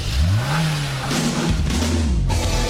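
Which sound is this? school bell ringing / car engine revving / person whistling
car engine revving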